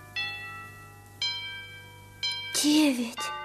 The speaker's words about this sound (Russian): Часы бьют.